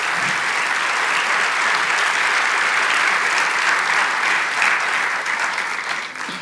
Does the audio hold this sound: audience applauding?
yes